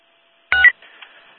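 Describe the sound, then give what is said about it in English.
A single short telephone keypad tone beeps clearly after a moment of silence as a phone number is dialed, followed by a faint, thin electronic tone lingering on the line. No voices are heard. “We have a phone number. It might just be the premise. We'll give it a shot, though.”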